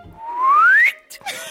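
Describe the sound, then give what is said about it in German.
A person whistles a single rising note that glides upward for most of a second, clear, followed by a couple of brief soft noises. “Dann schweben Sie und müssen haushalten mit der Stickluft, verlieren den Boden unter den Füßen, fühlen Schwindel und pfeifen.”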